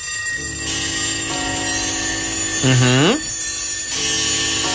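A loud, dense chorus of clocks ringing and chiming together, layered bells clanging continuously, with a brief swooping tone partway through before the jangling resumes.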